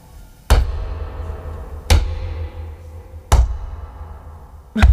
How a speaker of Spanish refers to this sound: ¿Pero vas a la pata coja o algo? ¿Para hacer ese ruido?